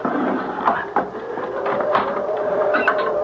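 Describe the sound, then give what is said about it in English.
A wooden bolt on the door of an old mill scrapes and knocks back with several sharp clunks, over a steady low grinding creak as the door swings open; no voices. “All I have to do is pull the wooden bolt back, and the door will open.”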